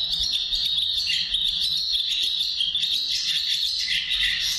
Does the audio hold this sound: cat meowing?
no